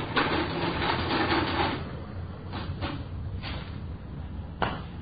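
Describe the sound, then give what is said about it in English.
A mechanical adding machine clatters and whirs in bursts as the money taken from a store is added up to the penny, with a long grinding run followed by a few sharp cranks and clicks, against a low background hum. “I just finished adding it up. Just a minute. All right. I got the figures on the machine.”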